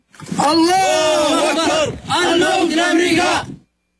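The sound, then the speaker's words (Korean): A group of men cheer and yell loudly in two sustained bursts, their shouting voices blending into a rough, harmonic roar with a brief pause between. “소총을 치켜든 남성들은 사우디의 표식이 새겨진 전투기 잔해 위에서 환호성을 내지릅니다.”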